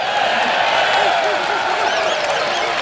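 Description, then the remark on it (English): A large audience cheers and applauds steadily throughout, a dense wash of clapping and voices with a few rising whoops poking through, loud and continuous without any clear pause. “We got to do a women's conference sometime so all the women will cheer for your stuff.”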